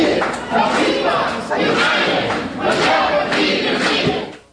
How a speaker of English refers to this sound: After the meeting with the farmers, Jackson's next stop was a meeting with Acorn. The crowd was a bit larger and a lot louder.